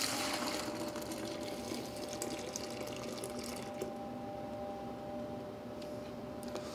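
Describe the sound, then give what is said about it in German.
Starch and water being poured steadily into a measuring cylinder, a continuous splashing, gurgling stream that stays fairly loud throughout, with a faint steady tone underneath and no voices. “Hier haben wir die Stärke und das Wasser. Das gebe ich jetzt in eine Mensur.”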